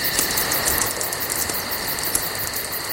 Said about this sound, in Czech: Jo. Praskání ohýnku, do toho klidně, ať ty cikády řvou klidně, hele, to já to mám rád, mě to vůbec nevadí.